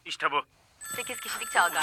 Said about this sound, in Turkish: Güçlü siren sesi doğru cevap verdiğini gösteriyor.